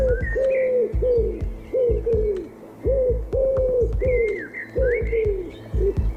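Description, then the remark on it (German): Pigeons coo repeatedly in soft, throaty, warbling phrases, low-pitched and rolling, overlapping in a steady rhythm with no one speaking. “Oh, du hast taubisch gesprochen.”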